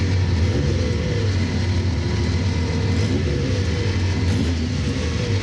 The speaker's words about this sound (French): On va démarrer le moteur. C'est ici, la petite clé. Voilà. On démarre ça comme une voiture normale.